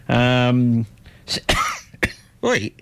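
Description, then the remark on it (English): A person clears their throat with a drawn-out voiced rasp, then lets out three or four short, harsh coughs in quick succession, fairly loud. “Where's the cough button?”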